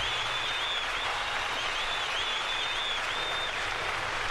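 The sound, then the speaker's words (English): A large crowd at a singer's last big concert applauds and cheers in a steady, dense wash of clapping, with a shrill whistle rising over the noise near the middle. The roar stays loud and constant throughout. “Everything I'm hearing from the crowd is great. They were very vocal in that concert.”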